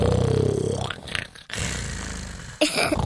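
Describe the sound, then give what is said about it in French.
A voice imitates the cat Miaou Mia snoring very loudly: a deep, rattling, throaty rumble followed by breathy, hissing exhales, repeated in two or three rough cycles with no other talking. “Il ronflait super fort.”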